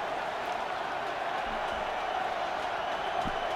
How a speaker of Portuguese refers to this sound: Agora aqui também o público do Canadá a aplaudir.